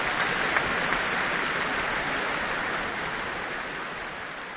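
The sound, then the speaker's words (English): A large concert hall audience applauds Kirill Petrenko in a dense, steady wash of clapping with no voices, holding an even level before easing slightly softer near the end. “I think there's going to be several rounds of applause for him here tonight.”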